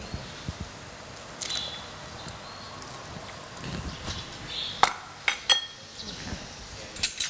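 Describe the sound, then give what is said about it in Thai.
Pieces of boiled pork belly and bite-sized chunks of pineapple are added to a pot of Thai tom som (sour soup), with soft plops and several sharp clinks of a utensil against the pot, louder toward the end, over quiet kitchen background noise. “แล้วก็ใส่หมูสามชั้นที่เราต้มลงไปนะคะแล้วก็ใส่สับปะรดนะคะที่หั่นชิ้นพอคำลงไปนะคะ”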